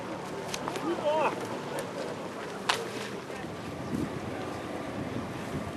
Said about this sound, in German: Sie halfen als kleinen Ersatz der Marco Polo, um das Floß auf der Elbe auszubremsen, gemeinsam mit unseren beiden Außenbordmotoren.